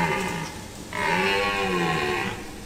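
A stag's deep, drawn-out rutting bellow in a forest as it seeks a mate, two groaning calls in a row, the second louder and longer, with a rough, throaty, moaning tone and no voices.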